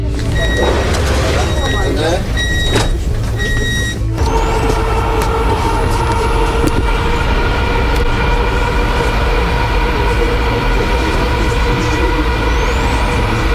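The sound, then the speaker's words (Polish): A passenger train on its first run with passengers, leaving station C03 Lazurowa, rolls along the rails with a loud, steady low rumble and a droning motor whine. Brief high tonal beeps sound in the first few seconds, and faint voices murmur underneath. “Przed nami pierwszy przejazd, można powiedzieć, z pasażerami. Państwo będą pierwszymi pasażerami, chociaż pociągi testowe jeżdżą już od około 2 tygodni.”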